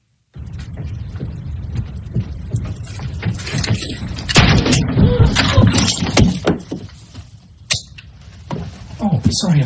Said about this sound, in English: You can hear her footsteps now. This is the girl's footsteps, probably coming down the basement steps.